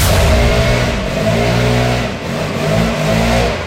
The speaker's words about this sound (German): Hier wird das Haus gestemmt und jetzt auch noch der lauteste Laubbläser Deutschlands vor meiner Haustür.